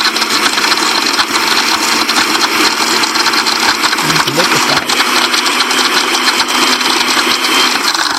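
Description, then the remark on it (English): A blender grinds steadily at high speed for about eight seconds, a loud, unbroken motor whine with a harsh, buzzing rattle and no pauses. “Okay, we gotta move to the brush it. All right, we need a grind. Oh. Let's grind it.”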